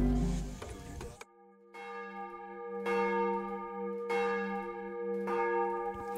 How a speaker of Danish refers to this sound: Klokkerne i Domkirken i København ringer ind til morgenandagt